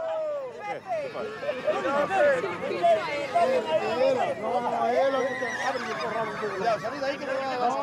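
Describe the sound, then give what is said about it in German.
Several horses whinny and neigh repeatedly while their manes are being clipped, their calls overlapping loudly, while a murmur of voices and general commotion runs underneath throughout. “Für die Pferde ist der Haarschnitt stressig, aber da müssen sie durch.”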